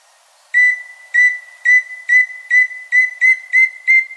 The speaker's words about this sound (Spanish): El tororo y chusquero que estamos escuchando vive en la cordillera oriental, entre los 1900 y los 3000 metros sobre el nivel del mar. Mide unos 22 centímetros y le gusta andar por el suelo, preferiblemente entre los matorrales de bambú.